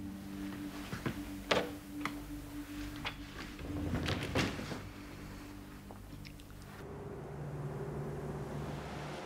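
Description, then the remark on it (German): A few sharp clicks and a soft thud as a door is pushed shut, after which the busy background noise suddenly drops away to a quieter, steady room hum. “Entschuldigung, wären Sie so lieb, machen Sie die Tür zu.”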